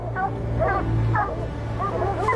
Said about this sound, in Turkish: Köpekler yakındaki ağacın tam altında. Onları duyabiliyorum. Sadece havlama şekillerinden orada olduğunu anlayabiliyorum. Çok uzağa gitmemişler.